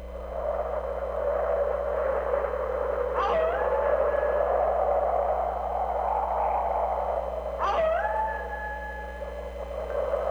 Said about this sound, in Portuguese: Aqui tamo eu e você no meio da ventania e dos lobos uivando.